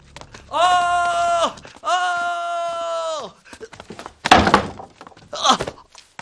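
Two long, drawn-out shouted calls to open the door, then a few heavy, uneven thuds of pounding on a door, loud.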